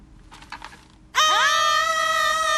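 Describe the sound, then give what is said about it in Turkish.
After a few soft, scratchy bursts, people suddenly shout loudly, the yell sliding upward in pitch and then holding as a long, steady, piercing yell. “O zaman daha çok bağıralım, tamam mı?”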